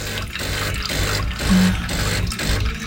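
Coffee pours steadily into a cup, a continuous splashing trickle with slight surges in volume, and no one speaking.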